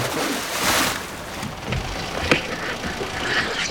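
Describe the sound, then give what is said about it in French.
Outdoors on a boat on the open sea with steady wind and water noise, a low thud is followed by a single sharp metallic knock as the anchor is dropped overboard, brief. “Je jette l'ancre.”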